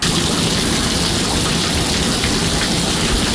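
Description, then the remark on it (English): Water pours and splashes down steadily and loudly, a dense, unbroken rush like heavy rain coming through the collapsed roof of an apartment in a historic building in downtown Fairhaven after rainy weather, with no voices. “a resident who woke up to water falling on her while she was sleeping”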